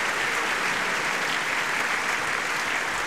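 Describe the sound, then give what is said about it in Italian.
A large concert audience claps steadily and continuously in appreciation for the singer of a band as the soloists enter, a dense wash of hand clapping at an even, sustained loudness with no voices standing out. “Sì, e senti gli applausi, sempre diciamo di apprezzamento per ….”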